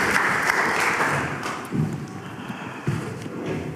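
An audience applauds together, a dense wash of clapping that stays fairly steady and then thins out, with a few louder claps standing out toward the end, welcoming a guest speaker who travelled from Västerås to a gathering.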